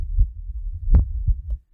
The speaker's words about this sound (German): Hört ihr das? Da bumpert ein Herz.